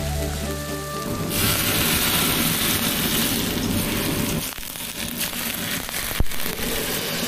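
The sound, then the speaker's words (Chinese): A low steady hum gives way after a second to a loud, dense crackling sizzle as hot oil and soy sauce are poured over blanched choy sum, hissing and popping continuously with a few sharper snaps near the end. “白灼菜心翠绿不变色，淋上热油酱油，最大程度保留维生素和叶绿素，清爽解腻”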